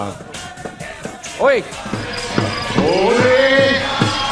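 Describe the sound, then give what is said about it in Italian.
A crowd of fans from Martina Franca cheers and chants in the evening over steady rhythmic claps or beats, with voices rising and falling in a loud, continuous din. “Grande, grande tifo di Martina Franca stasera,”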